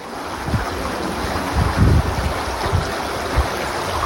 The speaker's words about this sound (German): Die dann nach und nach am 14. Juli ein reißender Fluss wird. Hochwasser.